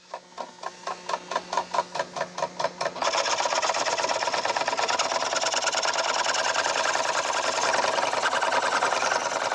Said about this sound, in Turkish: Bu 1878 senesinden kalma bir kıl testeresi. Burada bu hassas işi yaparken çift odaklı gözlüklerimi tam olarak kullanabiliyorum.